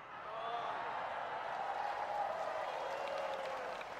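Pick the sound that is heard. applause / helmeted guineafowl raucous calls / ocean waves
applause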